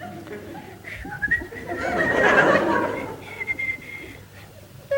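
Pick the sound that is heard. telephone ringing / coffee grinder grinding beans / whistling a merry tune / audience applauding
whistling a merry tune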